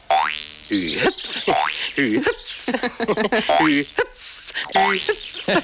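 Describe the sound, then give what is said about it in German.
A series of cartoon boing sound effects for the hopping of Flip the grasshopper from the cartoon Biene Maja, springy pitch sweeps that bounce up and down in quick irregular bursts, some wobbling, with brief gaps between hops. Voices are heard alongside. “Also ich fand immer Flip, den Grashüpfer, toll mit seinem Hü-Hüpf.”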